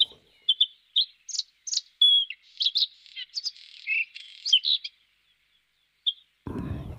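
A bird sings a lively, varied song of quick chirps and warbling trills, clear and fairly close, pausing briefly before a final note, then a low rumble of noise cuts in at the end.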